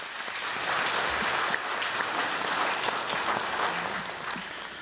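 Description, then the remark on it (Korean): Steady applause from an audience welcoming a Buddhist monk, chairman of the Seonhakwon foundation, to give a memorial dharma talk; a dense, even wash of many hands clapping at a fairly loud, unchanging level with no voices standing out. “여러분 큰 박수로 스님을 모시겠습니다.”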